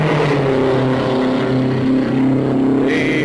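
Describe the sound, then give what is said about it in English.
Race cars roar around a track, dropping down along the white line, in a loud, continuous engine drone, low and buzzing with steady harmonics that waver slightly in pitch. No one speaks. “Body of the cars in action are dropping down along the white line.”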